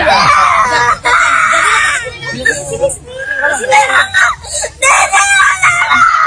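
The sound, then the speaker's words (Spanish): A little girl wails in a loud tantrum, her high, strained cries rising and breaking in repeated bursts with short gasps between, over faint background chatter. “Oye, pero llorando, wow, está haciendo berrinche.”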